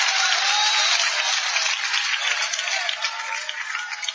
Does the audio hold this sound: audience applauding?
yes